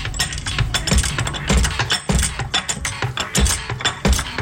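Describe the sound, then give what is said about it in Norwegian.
A car jack being cranked, with repeated metallic ratcheting clicks and dull low thumps in a steady rhythm of roughly seven strokes, fairly loud, with no voices. “Som bruker jekken.”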